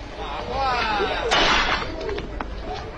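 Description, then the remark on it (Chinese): A clay jar is deliberately smashed with a sharp, bright crash, followed by a brief scatter of clattering fragments; fairly loud, over a muffled background hum. “急中生智，将一小半只瓦罐打碎。”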